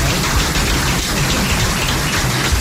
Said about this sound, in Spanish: Así que pido un aplauso para...